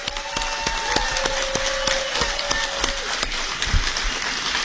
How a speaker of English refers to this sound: We've got a good crowd here. Everybody give Susan Collins a round of applause.